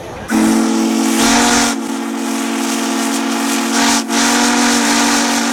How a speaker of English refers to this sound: We're going to blow the whistle. Please be ready.